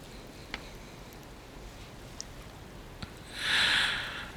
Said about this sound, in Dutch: Hierna hoest de dichter kort.